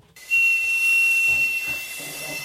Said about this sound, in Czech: právě zapískal na jednu opravdu pohmožděnou píšťalu. Opravdu úplně zdemolovaná teda, to jsem zvědavý, co s ní tady pánové udělají.